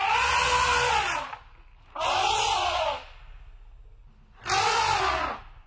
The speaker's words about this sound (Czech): Tak pozor, holky a kluci, 3, 2, 1. Slon, jo.